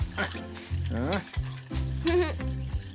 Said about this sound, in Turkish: güçlü kollarınla ezip karıştır bunları.